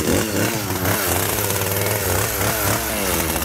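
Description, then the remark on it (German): A chainsaw roars loudly and steadily, its engine pitch wavering as it bogs into the dense, soft flesh of a giant pumpkin, with no talking over it. “Und weil wir mit so einem 0815 Messer da nicht durchkommen, nehmen wir klar, die Kettensäge.”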